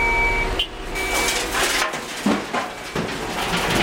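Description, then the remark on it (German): A heavy dump truck rumbles loudly while reversing at a fenced roadside construction site, the Würmtalrampe in the Northern Black Forest, on a late morning at the end of June, delivering and unloading coarse rock. A thin high-pitched backup beep sounds intermittently early on, with dull metallic clunks and broad roaring noise throughout. “Alle paar Minuten rücken Muldenkipper an und laden Grobgestein ab.”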